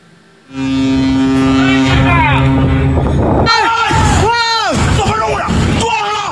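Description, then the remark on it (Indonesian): A ship's horn blares loudly and steadily for a few seconds, then frantic shouting voices break out over the continuing engine rumble, as a Panama-flagged cargo ship collides with a fishing boat on a Thursday. “Viral di media sosial, detik-detik kapal kargo berbendera Panama menabrak kapal penangkap ikan pada Kamis.”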